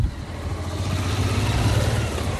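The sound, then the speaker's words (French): Motorcycle engines rumble steadily in a low, throaty drone, swelling slightly louder as they go by, heard from Mont-Saint-Michel, France, with a constant wash of outdoor traffic noise and no voices. “Il y a des motos qu'on entend du Mont-Saint-Michel.”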